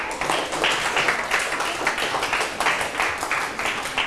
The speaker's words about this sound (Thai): ถูกต้องนะครับเก่งมากๆเลยปรบมือเพื่อนหน่อยครับ